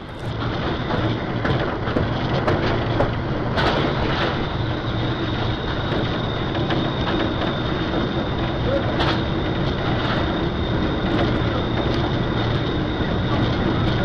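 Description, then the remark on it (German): Steady, loud rumble of the Bergkönigin train leaving the station, heard from inside the locomotive cab, with continuous mechanical roar, a faint high whine and occasional sharp clanks and knocks throughout. “Jetzt einmal aus der subjektiven Perspektive des Lokführers. Gut zu erkennen, wie die Erschütterungen unsere Kamera beeinflussten, aber einzigartige Bilder, die wir Ihnen nicht vorenthalten wollten.”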